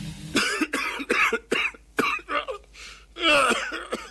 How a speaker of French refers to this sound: Qu'est-ce que tu as encore? Je sais pas du tout. Faudrait que j'aille sur Mediconet pour savoir pourquoi je tousse, mais je peux pas.